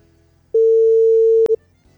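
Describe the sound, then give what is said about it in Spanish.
A single steady telephone ringback tone on an outgoing call to a listener who wins an asado, a loud, clear one-second hum that cuts off with a sharp click and a short final blip. No one speaks. “¡Te estamos llamando ya!”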